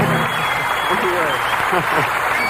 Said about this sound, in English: Thank you very much. Thank you. Well, we appreciate that applause.